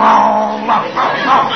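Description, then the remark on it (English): A man growls like a dog, one loud, rough, sustained vocal rumble lasting over a second and swelling three times before it breaks off. “He growls, so I'll growl.”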